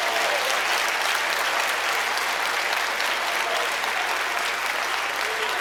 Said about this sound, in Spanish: Alguien puede dar un aplauso fuerte a Dios.